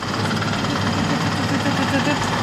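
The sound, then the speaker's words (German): A braille embosser in an in-house print shop punching dots into paper: a steady, loud mechanical clatter of rapid, even strikes over a low droning hum, continuing without pause. “Das ist quasi das Geräusch, wo jetzt die Punkte ins Papier kommen.”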